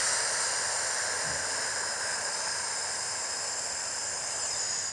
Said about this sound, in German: Wir atmen zusammen 4 Sekunden ein. Wir halten. Wir atmen aus.